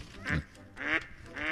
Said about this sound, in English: That's a duck.